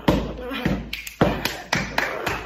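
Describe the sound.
Heavy footsteps stomp at a steady, deliberate pace, about two thuds per second, loud, acted out as someone climbing up a staircase on purpose to be heard.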